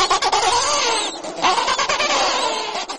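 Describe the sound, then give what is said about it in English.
A dense chorus of penguins squawking in a rookery, with many overlapping harsh, braying calls, loud and continuous for the whole stretch, and no voices. “Even so, there's this constant squawking sound.”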